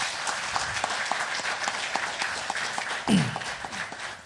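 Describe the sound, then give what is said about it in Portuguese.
A crowd applauds the President of the Republic at a launch ceremony for the Centro Nacional Cirúrgico, many overlapping claps forming a dense, even patter throughout, with a brief low swell near the end. “Uma salva de palmas para o nosso Presidente.”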